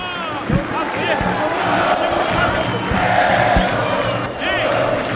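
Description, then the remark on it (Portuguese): A large crowd of Brasil football fans chants loudly and continuously at the Boca do Lobo stadium, refusing to leave, many voices merging into a dense, rhythmic roar with occasional thumping beats. “E a torcida do Brasil se recusa a deixar a boca do lobo”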